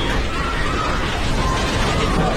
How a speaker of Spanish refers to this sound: Y también se difundió un video en redes sociales en el momento exacto del fuerte terremoto sacudiendo el aeropuerto internacional de Maiquetía en Venezuela. Esto pasó en el aeropuerto.